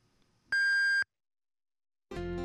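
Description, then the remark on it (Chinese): The hourly time signal of radio station Sunshine 1008 (阳光1008) marking 17:00: a loud, clean electronic beep lasting half a second, then a pause of about a second before a second, lower and buzzier tone starts and holds to the end, with no voices. “感受阳光，温暖同行，阳光1008敬请各位对时。 17点整”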